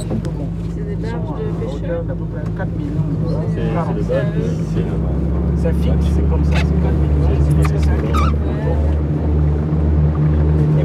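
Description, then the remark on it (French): A boat's engine drones steadily, then its pitch shifts and the rumble deepens as the boat departs after a storm on a sampling expedition in the Gabonese mangroves. Muffled voices murmur underneath the motor noise. “Après l'orage, le pilote donne enfin le feu vert pour le départ du bateau.”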